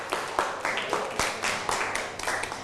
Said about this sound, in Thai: เก่งมากนั่งลงครับปรบมือให้กับเพื่อน